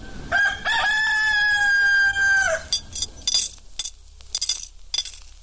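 A rooster crows loudly, one long sustained cock-a-doodle-doo lasting a couple of seconds, followed by a scatter of short clucks and faint clinking.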